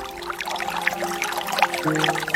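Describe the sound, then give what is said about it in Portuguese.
Water from the fountain of Senhor Bom Jesus pours steadily into a small empty bottle, a continuous splashing trickle with a hollow resonant tone that shifts as the bottle fills. No one speaks. “Então, meus amigos, trago a garrafinha vazia para você pegar a água da fonte do Senhor Bom Jesus.”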